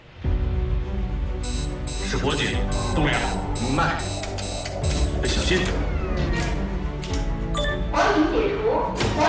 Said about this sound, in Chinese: 是火警